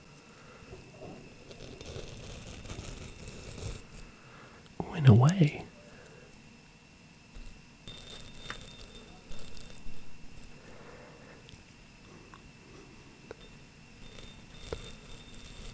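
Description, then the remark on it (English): An object is rubbed against a microphone with no pop filter, giving soft scratchy friction noise and one louder squeaky, glassy swell partway through, with a few brief spoken words. “going to try rubbing it on the other microphone without the pop filler on and see if that makes a nice sound.”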